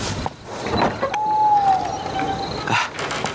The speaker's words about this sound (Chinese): 马有光起身开门。